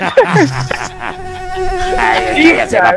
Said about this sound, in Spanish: ¿Quién metió una mosca a esta corte?